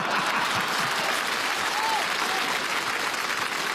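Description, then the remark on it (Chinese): An audience at a crosstalk comedy performance claps steadily and loudly for several seconds to encourage the performer to go on, a dense, continuous wash of applause with no pauses and no voices standing out. “来，我们掌声鼓励他往下说呀。”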